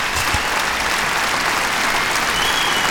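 Sustained audience applause fills the whole stretch, a dense, steady wash of many hands clapping with no pauses or voices.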